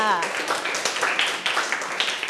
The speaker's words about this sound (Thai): เยี่ยมมากค่ะปรบมือให้เพื่อนค่ะ